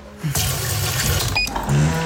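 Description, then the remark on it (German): Water runs steadily from a tap into the empty water tank of a coffee machine, a continuous gushing pour that starts abruptly and carries on for about two seconds, with no voices. “Wassertank leer.”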